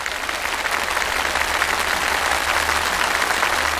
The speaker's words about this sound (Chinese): 五道题全部答对，我们掌声祝贺。